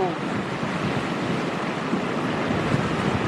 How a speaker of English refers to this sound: Massive wave came coming in and just rushed in.